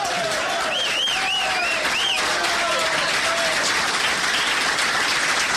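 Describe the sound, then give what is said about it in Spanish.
A crowd applauds steadily and fairly loudly throughout, the clapping dense and continuous, with a few short whistles rising above it early on. “Bueno, ustedes aplauden, yo tomo un trago y vuelo, para que no se note.”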